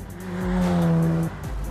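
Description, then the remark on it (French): An RX-7 sports car with a rotary engine revs hard while driving, its smooth buzzing engine note climbing, holding high and loud, then dropping off sharply near the end. No one speaks. “Et aussi, ma première fois avec un moteur rotatif.”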